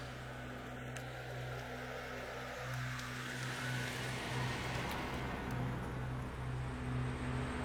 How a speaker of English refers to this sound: So this is our power plant. We have 3 engine generators here.